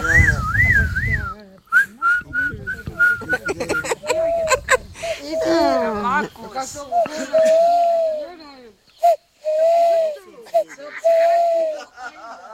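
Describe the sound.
A person whistles a string of wavering, hooting tones in imitation of an owl call, with short pauses between phrases and some breathy low noise at the start, fairly loud.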